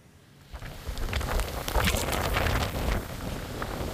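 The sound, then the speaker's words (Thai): Heavy rain from a typhoon pours down in a dense, steady hiss in the early morning in Huizhou, Guangdong, China, with gusting wind buffeting and rumbling underneath. It swells after the first half-second and stays loud and continuous throughout, with no voices. “นี่เป็นบรรยากาศในเมืองฮุยโจวมณฑลกวางตุ้งของจีนเมื่อช่วงเช้ามืดวันนี้นะคะที่ต้องเผชิญกับฝนตกหนักและลมกระโชกแรงทั่วบริเวณจนส่งผลทำให้เกิดน้ำท่วมขังบนท้องถนนรวมทั้งมีต้นไม้และสิ่งปลูกสร้างล้มเสียหายหลายจุด”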